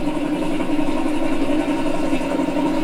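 A few-cylinder Baudouin DK3 diesel engine idles steadily, its low, throbbing chug loud and unbroken throughout, with no voices over it.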